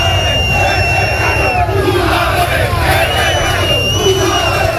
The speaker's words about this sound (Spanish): Pues muchos gritos, mucha tensión en la salida previa del autocar del equipo.